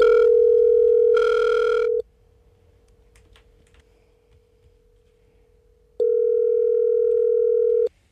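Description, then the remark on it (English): A telephone line rings out on a call to a prize winner: a steady, loud electronic tone holds for about two seconds, drops to a faint hum, then sounds again. No one speaks. “To the phones we go.”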